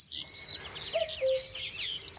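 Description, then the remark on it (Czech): A single two-note cuckoo call sounds midway, fairly clear against a busy background of high chirping birdsong in open woodland; no one speaks. “Když byl hezký slunečný den, v lese byl příjemný chládek a všechno vonělo, často jsme slýchávali kukat kukačku.”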